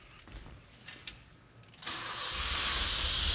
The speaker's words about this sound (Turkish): Sesi çok daha iyi. İşte Lancia V4'ün sesi budur. Çünkü yakıt sistemi tamamen değişti.